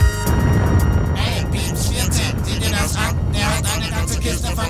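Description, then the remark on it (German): A strawberry truck's engine rumbles loudly and steadily for the whole stretch, a heavy low drone with a thin whine on top, while indistinct voices sound over it. “Aber ganz ohne Erdbeeren wollen die Raumfahrer die Erde nicht verlassen, also kehren sie um und landen genau vor dem Erdbeer-LKW”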